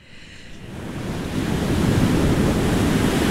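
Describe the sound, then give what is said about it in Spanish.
Ocean surf swelling steadily louder, a broad wash of crashing water with a low rumble, rising over the first couple of seconds and then holding full, with no voices. “Esto viene directito del mar, escucha bien.”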